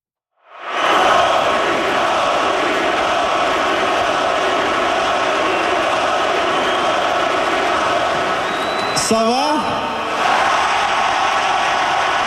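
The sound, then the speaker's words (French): A big hockey arena crowd roars and chants the goalie's name steadily and loudly for the whole stretch, with a brief shrill whistle-like sweep cutting through near the end. “Oui, on entend Dobby. Ça, c'est quand, j'imagine, il y a eu son étoile.”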